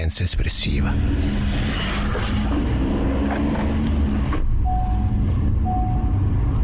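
Steady engine rumble and broad road noise from a car driving home through city traffic in Rome, fairly loud throughout, with two short high-pitched beeps sounding near the end.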